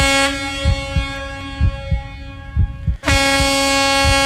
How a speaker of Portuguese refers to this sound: Essa aí é a buzina do carro de entrega do supermercado Luquezzi.